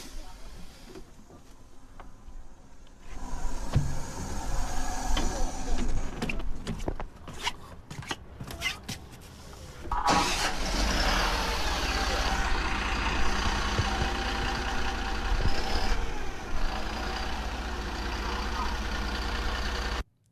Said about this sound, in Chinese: 仅仅是一段我们医疗直通车在发动机在开关门，群众上下走访过程当中的录音啊。但是这段原声呢，出自靖边杨米涧镇义诊县，村民早早的排队等候，期盼咱们专家，场景是十分的暖心啊。